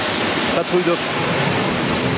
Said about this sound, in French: la patrouille de France arrive. La patrouille de France est en train de nous survoler. Vous l'entendez ?